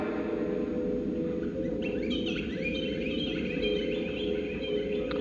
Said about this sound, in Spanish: Aquí es de noche, canta el jilguero y ladran los perros.